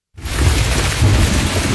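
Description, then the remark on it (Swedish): Heavy rain pours down in a steady, dense hiss while low thunder rumbles underneath, starting abruptly and staying loud throughout the short stretch. “På sommaren vill man inte att det regnar.”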